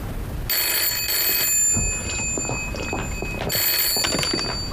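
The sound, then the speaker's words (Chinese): A telephone bell rings loudly in two long, rattling bursts separated by a short pause, with no one speaking. “稍等，玉州，你家电话。”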